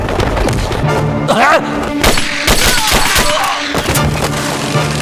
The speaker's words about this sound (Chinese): 听到枪声吗？是黑电视方向。